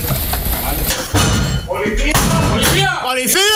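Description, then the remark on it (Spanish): Heavy, repeated thuds as National Police agents use a battering ram to break down an apartment door in Jerez during a dawn operation against cocaine trafficking, loud, followed by men shouting urgently over the din. “Es el momento en el que con un ariete agentes de la Policía Nacional echan abajo la puerta de un piso de Jerez en una acción que ha permitido detener a 5 personas acusadas de vender cocaína a domicilio.”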